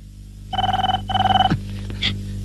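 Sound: telephone ringing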